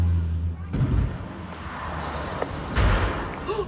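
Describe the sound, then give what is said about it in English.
A seaplane carrying 10 passengers and a pilot crashing into the water off the coast of Washington State, about 90 miles north of Seattle, and bursting into flames: a low droning rumble broken by several heavy, booming impacts and splashing crashes, loud and rough, spread over a few seconds. “That social media sound of a seaplane going down off the coast of Washington State, about 90 miles north of Seattle.”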